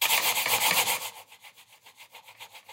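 A computer mouse scrapes across a table with a gritty, sanding-like rasp, loud and continuous at first, then settling into quicker, softer back-and-forth strokes, with no talking.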